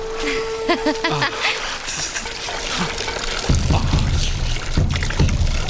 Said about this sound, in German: Wasser! Hä? Wir haben Wasser!